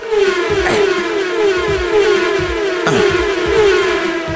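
A passing-car sound effect in a racing video game menu, triggered each time the mouse pointer moves, plays loudly and without pause: a steady droning engine-like tone with a buzzy edge, overlaid with quick repeated bumps and a couple of sharp clicks. No one speaks.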